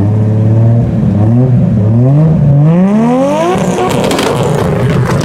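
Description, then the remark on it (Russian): A Japanese JDM car engine revs hard and accelerates, its loud whining pitch climbing and dropping through several gear shifts before ending in a high, raspy, crackling roar. No one speaks. “Похоже на японские моторы, на самом деле. Абсолютно верно.”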